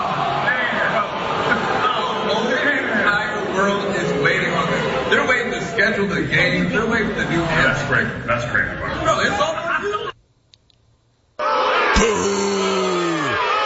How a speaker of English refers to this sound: He's even got his own people booing him.